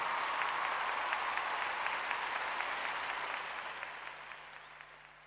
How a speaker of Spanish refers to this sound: Fuerte el aplauso, gracias.